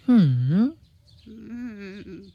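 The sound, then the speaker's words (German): A raven calls twice: first a loud, swooping caw that dips and rises, then a longer, quieter, steadier croak after a short pause. “Ach, du kluger, hübscher Rabe, wirst du deiner Freundin denn nicht helfen wollen?”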